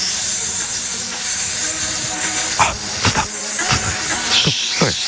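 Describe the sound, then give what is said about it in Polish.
A snake's hiss, loud, runs steadily for about five seconds, broken by several sharper, breathy bursts that swell and fade near the end. No voices. “Snake. Bo o wężach teraz będzie.”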